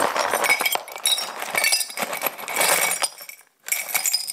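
Small glass shards, picked up with gloves, clink and rattle into an old jam jar, a dense run of bright tinkling bursts, pausing briefly before a final clatter.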